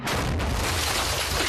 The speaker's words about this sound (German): Das war aber ein echt guter Schuss. Das ist bestimmt kein RPG. Nicht mal annähernd.